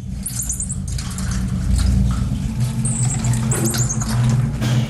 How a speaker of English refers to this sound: Inside was a little monkey, a tiny marmoset in a cage zipped up inside the bag. Poor thing had been abandoned, it seems.